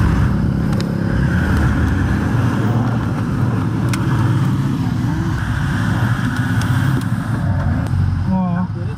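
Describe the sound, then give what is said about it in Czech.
A vehicle engine roars steadily as the driver accelerates over a bumpy road in Nepal in the dark and rain, a loud, continuous low rumble with rattling, and the crew's indistinct singing voices mixed underneath. “Řidič zrychlí a posádka zpívá.”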